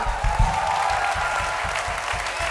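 An audience applauds steadily, a dense wash of many hands clapping at an even level, with rhythmic low thumps running beneath the clapping and no voices breaking through.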